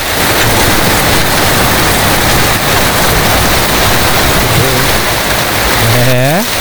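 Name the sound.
heavy rain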